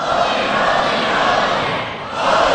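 A large crowd screams and shouts together at full volume in answer to a preacher's call for them to scream louder after chanting "holy, holy, holy", a dense, sustained roar of many voices that dips briefly near the end before surging loud again.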